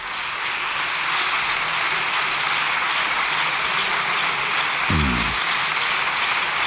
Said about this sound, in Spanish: Largo aplauso, ¿eh?